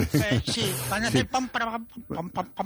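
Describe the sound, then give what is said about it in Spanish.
A single voice, radio presenter Francino, hums and croons a short melody along with a radio theme tune, with sustained sung notes in a bright, broadcast-like tone and no clear instrumental backing. “Mira, no, simplemente yo quería poner en valor en ese momento casi cada tarde en el que Francino canturrea sobre una sintonía, por ejemplo.”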